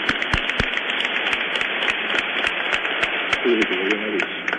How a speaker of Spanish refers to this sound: Demos un aplauso al niño